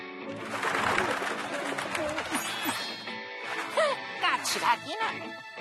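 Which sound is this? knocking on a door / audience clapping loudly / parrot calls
parrot calls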